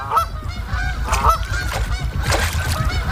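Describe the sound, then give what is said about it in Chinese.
A flock of waterfowl, crowded in cold weather onto the small unfrozen area in the middle of an icing-over lake, honks continuously, many nasal calls overlapping into a loud, steady clamor with a low rumbling background underneath and no talking. “天气越来越冷，湖面的冰层越来越厚，成群的水禽只能聚集在湖心没结冰的有限范围内。”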